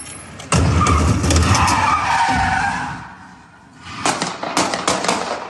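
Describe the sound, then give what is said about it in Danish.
During a police car chase in Tingbjerg, northern Copenhagen, a white car skids loudly with a long rushing screech as it turns 180 degrees and hits a large rubbish bin with a heavy thud; after a brief lull, a police officer on foot fires a series of sharp, irregular gunshots. “Den her video, som jeg har fundet hos TV2, viser sådan en hvid bil, der vender 180 grader meget hurtigt, kører ind i en stor skraldespand, imens den gør det, og så samtidig så følger en politibetjent til fods efter bilen og skyder adskillige gange”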